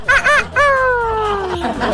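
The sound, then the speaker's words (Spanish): A rooster crows loudly: a couple of short rising notes, then a long, drawn-out call that slowly falls in pitch. No talking accompanies it. “Incluso algunos se levantan antes que cante el gallo.”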